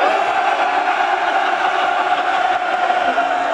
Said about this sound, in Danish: Skal vi ikke lige give dem brølet fra Næstved Metalfest, hvis jeg nu tæller ned fra 3, og så brøler I? 3, 2, 1...